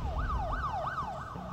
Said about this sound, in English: Some sounds are impossible to ignore. A siren.